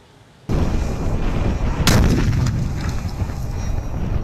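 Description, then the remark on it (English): The Breaker, a bunker-rupture warhead tested by the Pentagon and dropped from a drone, detonates with a sudden, loud blast after a brief hush, followed by a second sharp crack and a long, roaring rumble that slowly tapers off. No voices. “We've been testing the Breaker, a bunker rupture warhead that can be carried by a drone. And when dropped, watch out.”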